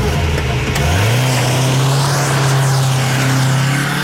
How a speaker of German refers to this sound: Nico und ich stiegen in den Wagen von Alex' Vater und rasten los.